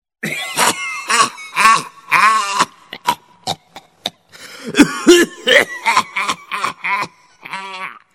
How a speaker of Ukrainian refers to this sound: О, це знову його кашель. Таке враження, що зараз викашляє самі легені. І уявіть собі, це не без допомоги цигарок.